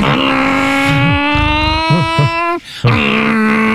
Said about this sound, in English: That's good. The cars keep you awake so that you can tell if you're about to get robbed.